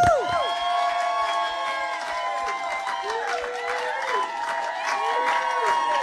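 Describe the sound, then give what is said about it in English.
A small studio crowd in the breakout room of the radio show Jonesy and Amanda's Saturday Jam cheers and whoops, overlapping voices rising and falling against a steady patter of clapping that runs through the whole moment. “And we've got a bit of a crowd as well.”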